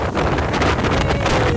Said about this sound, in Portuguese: É vento aí perto de 100 km por hora, alguma coisa assim.